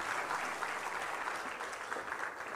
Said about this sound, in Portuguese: Os aplausos à professora